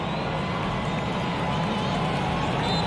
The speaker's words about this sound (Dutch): Het applaus voor hen die mee zijn gereisd naar Hemden.